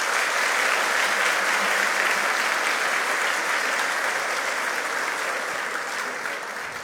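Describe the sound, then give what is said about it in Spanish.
Sustained, loud audience applause after a speech at the Premio Humanístico Tomás Moro award ceremony, a dense wash of many hands clapping with no clear rhythm, holding steady for about seven seconds before easing off slightly at the end. “para quien pido nuevamente fuertes aplausos.”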